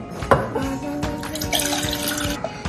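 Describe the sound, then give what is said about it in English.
Water runs steadily from a tap for a few seconds, a continuous splashing hiss with a few clinks and knocks mixed in, no voices. “You said the water?”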